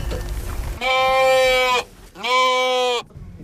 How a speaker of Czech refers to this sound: K připravené ohradě u horní stanice Lanovky Skalka právě najíždí auto s vozíkem, ve kterém už čeká stádo ovcí.